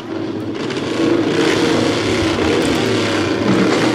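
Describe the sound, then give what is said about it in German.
A motorcycle or moped engine rattles steadily and loudly in the background on a hot evening, its buzzing drone sustained throughout with a slight rise in intensity after the first second. “Es knattert so schön im Hintergrund, also Motorrad und Moped fahren bei der Hitze.”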